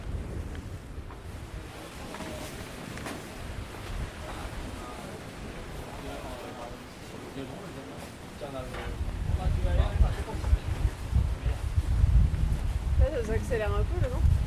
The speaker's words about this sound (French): Ça accélère un peu le vent. Ouais, ça va rentrer tout ce moment là, c'est bien.